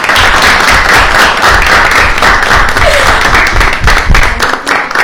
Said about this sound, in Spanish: Así que las recibimos con un aplauso fuerte.